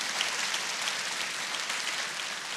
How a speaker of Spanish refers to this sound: Alaba al Señor por eso. Dale un aplauso si quieres al Señor. ¿Sí?